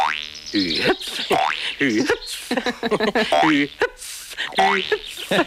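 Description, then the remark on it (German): A run of springy cartoon boing sounds for the hops of Flip the grasshopper from Biene Maja, each a rising, wobbling twang, repeated in quick bursts with short gaps between them, fairly loud and with no talk over them. “Also ich fand immer Flip, den Grashüpfer, toll mit seinem Hüpf.”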